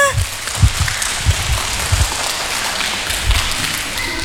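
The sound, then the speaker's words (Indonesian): A group of children clapping their hands, a dense, crackling patter of many small claps that holds steady throughout, with a few irregular low thumps underneath. “tepuk tangan semuanya.”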